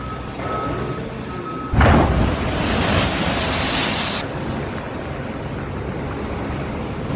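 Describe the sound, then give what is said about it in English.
A big ocean wave crashes loudly against the west coast of the U.S., its roar washing on for a few seconds before easing into steady surf and wind. A faint intermittent beeping is audible before the impact. “There's some big old waves there hitting the coast, and it's been really, really destructive in places like Long Beach, California.”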